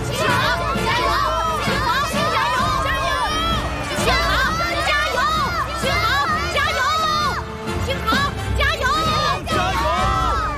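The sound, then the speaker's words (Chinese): A large stadium crowd cheers and chants for a racing driver nonstop, many high, excited voices overlapping in a loud, dense roar with rising and falling calls throughout. “这是全场观众都在为我加油。”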